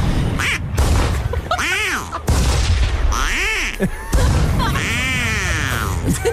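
Ducks quack loudly and repeatedly, their calls interrupted by three sharp blasts from hunters' shotguns spaced a couple of seconds apart, all prominent.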